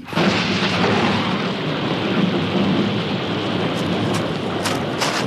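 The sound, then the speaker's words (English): A steady, loud roar of heavy rain in a mountain storm fills the scene, with a deep rumble underneath suggesting thunder, and a few sharp crackles near the end. No voices are heard. “So let's join him now in our story, Adventures in Stormy Mountains.”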